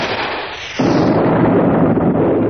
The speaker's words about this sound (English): There's an explosion and a blinding flash.